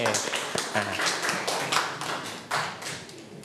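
A group of children clapping together in a room, a steady scattered patter of many small hands lasting a few seconds at moderate loudness, with faint voices underneath.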